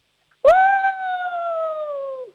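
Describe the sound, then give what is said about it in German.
A person imitates a wolf's howl: one long, sustained, fairly loud tone that holds steady for about two seconds, then slides down and fades at the end. No talking. “Dann hätte ich jetzt gerne, dass du mal heulst wie ein Wolf.”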